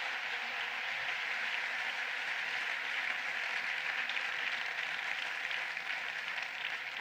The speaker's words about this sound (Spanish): Así que muchísimas gracias y por favor, dadles un aplauso a todos.